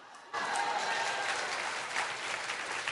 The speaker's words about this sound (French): Là, les applaudissements se font un peu moins retentissants.